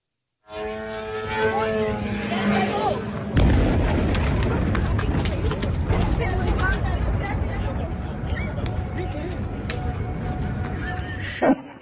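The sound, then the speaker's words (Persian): Gunfire from an Iranian state television presenter's symbolic shooting at the UAE flag on a live program erupts with a heavy boom, then continues as a dense, loud rumble of shots and blasts under muffled crowd noise, following a brief tonal, voice-like drone at the start. “از حملات موشکی و پهپادی گرفته تا شلیک نمادین مجری تلویزیون دولتی به پرچم این کشور در برنامه زنده.”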